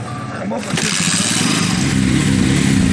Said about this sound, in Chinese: 确认完人数，村民们便会驾驶着摩托车离开村庄，穿过田野，向着莽错湖出发。